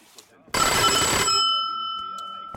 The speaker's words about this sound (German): Türklingel. Was auch sonst.